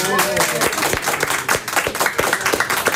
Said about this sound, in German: Von daher, ihr könnt aber was machen, damit man mir glaubt, dass hier was los ist. Ihr könnt mal applaudieren.